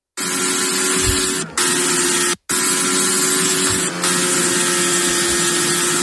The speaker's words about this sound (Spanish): Esto que escuchas es el sonido del monoplaza de Fernando Alonso. Suena un poco regular en sus primeras vueltas a este nuevo circuito, el de Madryn.